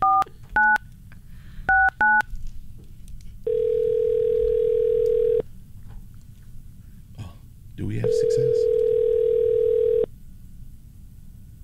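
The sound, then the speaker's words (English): A few quick touch-tone beeps from a phone being dialed, followed by two long, steady ringback tones with pauses between, while people talk quietly in the background. “Nobody answers the phone anymore.”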